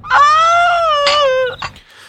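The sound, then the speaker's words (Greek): A loud, sustained wailing cry with a long drawn-out tone, breaking briefly before a short gasping sob, with no talking. “Αχ, κλάμα και ο δειρμός.”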